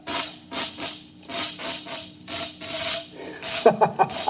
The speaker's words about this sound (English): Show us how this mechanical mouse catcher operates.